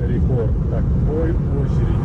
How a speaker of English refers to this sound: As cars try to leave the peninsula.